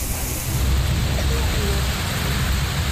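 A dense, steady wash of heavy rain and hail pours down without letup in Jaipur, Rajasthan, India, loud, filling the whole clip with a constant hiss and low rumble.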